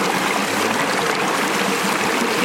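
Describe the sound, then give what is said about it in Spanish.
Cold, mineral-rich sparkling water pours in a steady, continuous rush, a fairly loud fizzing splash that keeps up without pause throughout, with no voices. “Ahora sí pueden probar el agua y me dicen si sienten lo que es el gas.”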